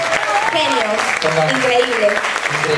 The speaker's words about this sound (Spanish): también quiero un fuerte aplauso para los músicos, por favor. Por favor.